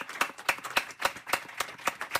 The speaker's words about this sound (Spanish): que estamos no Café Paf Ícaro, que pedimos un fuerte aplauso para o Ícaro, que acaba de cumplir, claro.